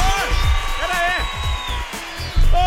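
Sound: person shouting loudly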